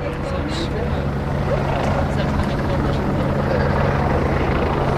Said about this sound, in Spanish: Está el helicóptero aquí encima de nosotros, eso significa que ya en breve saldrá.